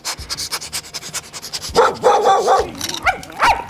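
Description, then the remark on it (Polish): Dogs bark behind a glass pane in a run of short, sharp bursts, a few overlapping yaps following one another quickly, loud, with faint panting or shuffling before the barking starts. “Za szybą się odezwały.”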